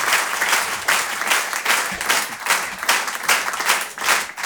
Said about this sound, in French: Merci de garder cette énergie, de faire un tonnerre d'applaudissements pour Antonia de Randinger.